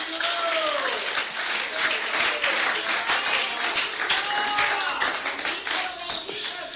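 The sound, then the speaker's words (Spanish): A large crowd at an evening religious service claps for Christ, steadily and loudly for several seconds, with scattered voices calling out and cheering over the dense, continuous applause. “Denle palmas a Cristo esta noche.”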